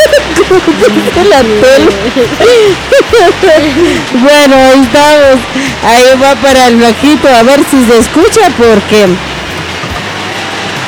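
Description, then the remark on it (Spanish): A steady wash of heavy rain hisses underneath people talking, the downpour continuous throughout without pauses. “a ver si se escucha porque acá ya empezó la lluvia y sí, está fuerte, fuerte la lluvia.”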